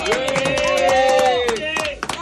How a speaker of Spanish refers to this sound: Señoras y señores, argentinas y argentinos, el aplauso para la selección.